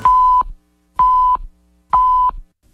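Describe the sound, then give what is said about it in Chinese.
Three identical hourly time-signal beeps on Fairchild Radio CHKF FM 94.7 in Calgary, marking 9 a.m.: steady mid-pitched tones about half a second long, evenly spaced one second apart and loud, with silence between and no talking. “现在是早上9点整。”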